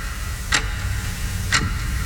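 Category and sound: sound effect, clock ticking sound effect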